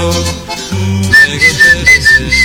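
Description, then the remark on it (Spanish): A bright whistled melody rises over a song's backing music, a few short repeating phrases riding on top of a steady bass rhythm, clear and upfront. “Y el chiflidito.”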